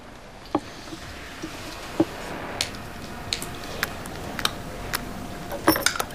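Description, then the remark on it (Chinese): Small glass vials of Zhu'an oral liquid medicine being fiddled with as someone struggles to open them without tools, producing about a dozen sharp, irregular clicks and taps over a low hiss, with no one speaking. “哎呀，这个用钥匙撬开吧，太难弄了。 谭总，这没有工具，这喝不了啊。”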